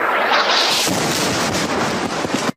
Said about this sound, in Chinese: 在低头等待时，空袭突然发生。